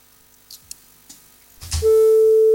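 A few soft clicks and rustles, then a loud, steady electronic phone tone cuts in and holds to the end, the busy tone after a phone call is lost.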